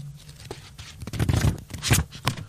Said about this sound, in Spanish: ¿Se escucha ahí? Esas fueron, sí, me encanta. Leer un libro en papel. Las hojas del papel.